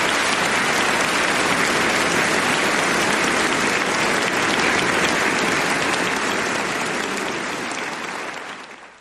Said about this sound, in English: please join me in giving a warm round of applause for our brilliant engineers